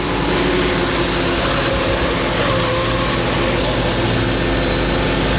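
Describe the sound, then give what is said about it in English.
A car speeds along at about 60 with a steady, loud roar of engine and road noise, continuous throughout, with no voices. “can't you get this car to go any faster? Mother, we're doing 60 now, for goodness sake.”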